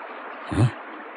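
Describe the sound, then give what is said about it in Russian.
Steady rain hisses evenly throughout, a dense, continuous wash of noise, broken midway by a single dull, low thump. “А в дождь тем более.”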